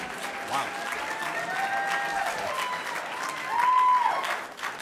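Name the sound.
audience clapping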